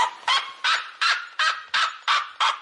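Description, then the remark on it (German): A red-legged seriema, a very loud bird, gives a loud, yelping call: seven sharp, harsh notes in a quick, steady series, clear with no other sounds around them. “Ja, die Rotfußseriema, also der andere sehr laute Vogel, der hat so einen jaulenden Ruf.”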